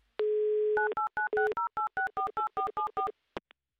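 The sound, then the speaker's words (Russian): A steady telephone dial tone gives way to a quick run of about a dozen touch-tone dialing beeps in an even rhythm as a phone number in Astrakhan, Russia, is dialed, ending with a couple of soft clicks. Clear, with no voices. “Так, номер телефона у нас набран. Гудки пошли.”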